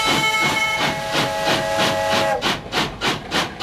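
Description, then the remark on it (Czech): A steam locomotive at Kořenov in the Liberec Region, running rides across the border via Harrachov to Poland, hisses loudly, with a rhythmic chuffing pulse of steam bursts and a sustained whistle-like tone that fades midway, leaving repeated hissing puffs. “Magazín Vlakem Libereckým krajem se opět vydal do Kořenova, to proto, že tentokrát tady byla ke vidění a také k možnosti své se jízda parní lokomotivou, a to dokonce přes hranice, přes Harachov do Polska.”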